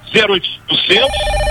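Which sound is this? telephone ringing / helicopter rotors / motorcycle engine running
telephone ringing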